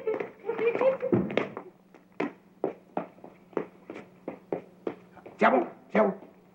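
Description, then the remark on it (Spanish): A small dog whimpers and yelps in a quick, high flurry, then settles into a steady run of about a dozen short, sharp barks over a faint low hum. “Oye, Kiko, ¿qué tal si jugamos con tu perrito?”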